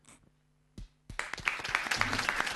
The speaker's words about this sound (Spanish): vamos a aplaudir al capitán de la selección nacional.